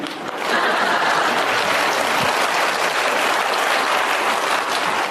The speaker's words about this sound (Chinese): 你听着掌声。